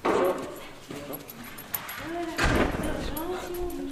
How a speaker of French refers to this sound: J'aurais peur de dire une bêtise. Bah ça, c'est un montagne des Pyrénées, je dirais.